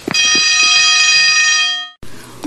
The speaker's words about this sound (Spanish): Ve corriendo que ya va a sonar el timbre.